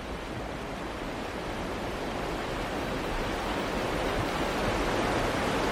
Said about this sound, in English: Just the general outdoor environment of West Forks, Maine. It's always good to be by the river, just listening to it.